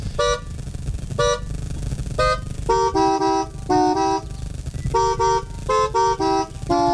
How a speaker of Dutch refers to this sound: Zo net hebben we Timmy Toeter eventjes kunnen horen. Die op zijn manier de camping heeft wakker getoeterd.